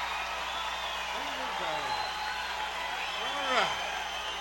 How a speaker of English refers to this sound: Thank you. Thank you for your warm applause. Pleasure being here tonight.